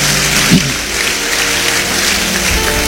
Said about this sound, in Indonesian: Yang setuju, beri tepuk tangan bagi Dia.